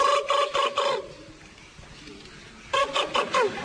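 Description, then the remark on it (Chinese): A voice mimics a cricket's chirping with two bursts of rapid, buzzy trills, each about a second long and fairly loud, separated by a quiet pause. “蛐蛐儿 啊，蛐蛐叫唤， 蛐蛐叫唤。”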